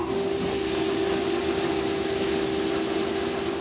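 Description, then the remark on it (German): A grain cleaning machine on a farm runs steadily, sieving out husks and undersized grains so only good grains go into baking flour, giving a constant whirring rush with a strong low-mid hum tone and an even hiss on top, unchanging throughout, with no one speaking. “Und jetzt würde ich sagen, jetzt lässt du die Maschine einfach mal laufen, oder?”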